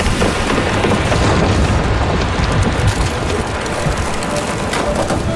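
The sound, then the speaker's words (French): A small wooden house on stilts being crushed and carried off after overnight torrential rain made the river overflow its banks: a loud, continuous roar of grinding, splintering timber with deep booming rumbles, sustained without pause and without voices. “Puis notre petite maison sur pilotis a été emportée.”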